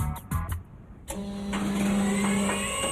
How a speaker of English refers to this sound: But what's with the big diesel?